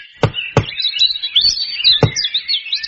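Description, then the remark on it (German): Three firm knocks on a door, two in quick succession and a third after a pause, with birds chirping and twittering steadily in the background. “Ich klopfe jetzt mal.”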